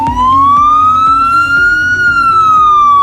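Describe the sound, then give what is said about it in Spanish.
An ambulance siren wails loud, its steady tone slowly rising and then easing back down, over a low rumbling engine and road noise, with no one speaking. “Son 52 ambulancias, 28 UBIs, vehículos de intervención rápida que cambian su aspecto, más franjas diagonales rojas y amarillas en la parte trasera para favorecer su contraste”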